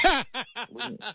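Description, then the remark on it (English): A single sharp sneeze bursts out, followed right away by four quick, evenly spaced voiced huffs like a short snicker, all at moderate loudness with no talking. “Bless you, my friend.”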